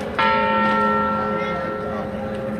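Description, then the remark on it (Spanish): A single deep church bell strike from the Torre del Orejón at the church of Santa María, one of eight strokes rung at 8 in the evening, rings out loud, its rich overtones humming and slowly fading over the next couple of seconds. “El acto finalizó con las campanas de la Torre del Orejón sonando desde la iglesia de Santa María.”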